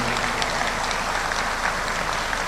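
Steady audience applause for General Arturo Medina Mayoral, Zacatecas state Secretary of Public Security, fills the whole stretch, a dense, even patter of many hands clapping at a consistent loudness with no voices standing out.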